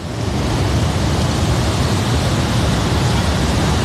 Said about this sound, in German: Und zu diesem Wasserfall von der Ängstlichen steigen wir jetzt runter.